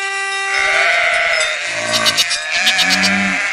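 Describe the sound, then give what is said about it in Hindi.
Goats on a road bleat in overlapping wavering calls, a couple of loud nasal cries rising and falling over a steady bright tone, with no one speaking. “रास्ते की सब बकरियाँ और गायें दूर हट जाती हैं।”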